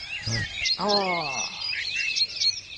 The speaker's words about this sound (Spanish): a mí me gustaría estar en un paisaje lleno de pajaritos abajo de algún arbolito, disfrutando de un lindo momento, leyendo un libro, pero con un fondo... ¿Con qué? Mucho pajarito, no sé.